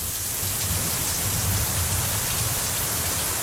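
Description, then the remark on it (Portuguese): A heavy downpour in Vacaria roars steadily as a dense, continuous hiss of rain pounding surfaces, heard through an open window, with no voices and a low rumbling undertone throughout. “abre a janela pro povo ver, ouvir aí em casa aí, dá uma escutada como é que tá a chuva neste momento em vacaria.”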